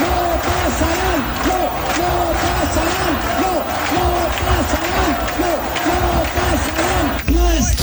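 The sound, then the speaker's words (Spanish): A large crowd at a rally against fascism convened by the collective Ama Asturias chants "no pasarán" in unison, the same rising-and-falling phrase repeated in a steady, loud rhythm for several seconds, with a roar of voices beneath. “Al grito de no pasarán, los asistentes fueron convocados por el colectivo Ama Asturias”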